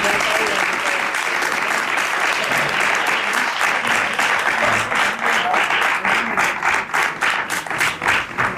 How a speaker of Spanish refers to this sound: Así que un aplauso muy especial para el público que ha ido aquí.